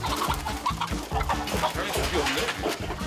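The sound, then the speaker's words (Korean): Chickens cluck busily and continuously, their short squawking calls layered over a steady, rhythmic low-pitched backing beat, as a family tries to catch one of the chickens. “닭 한 마리 잡으려고 온 가족이”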